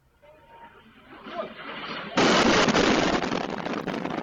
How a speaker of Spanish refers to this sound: Y esto es Sumy, Ucrania. Es el momento, lo han visto, en el que varias personas se protegen de las explosiones de una bomba rusa.